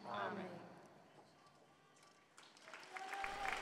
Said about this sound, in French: Vive le pape, les fidèles chrétiens qui applaudissent à la fin de cette prière de l'Angelus présidée par le pape Léon XIV.